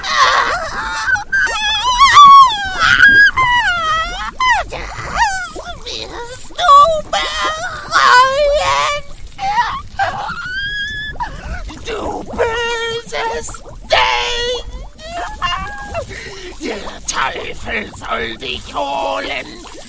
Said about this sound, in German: Erschrocken drehte sie sich jedoch um, als ein Schrei aus dem Inneren des Hauses ertönte.